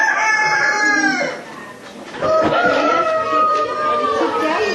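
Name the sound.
chickens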